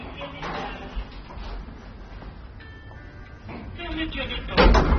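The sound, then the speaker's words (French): Elevator doors creak shut: a thin, drawn-out squeal over a murky rumbling background, ending in a louder, rougher burst as they close. “Les portes grincent en se refermant.”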